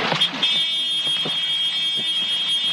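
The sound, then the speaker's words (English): In a single-engine helicopter, a steady, high-pitched electronic horn warning of low main rotor RPM sounds continuously over a loud mechanical engine roar, with faint rhythmic thumping underneath, sustained throughout. “You will hear a horn. That is the warning for low main rotor RPM.”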